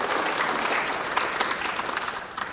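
A roomful of people claps steadily, a dense, even patter of many hands, moderately loud and close, with no talking over it.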